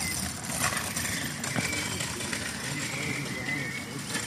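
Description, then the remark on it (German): A motor scooter engine drones past, a steady buzzing whine that rises and fades against outdoor background noise. “Ein Scheißroller, ey. Oder, nee, Scooter hat man Scooter gesagt früher?”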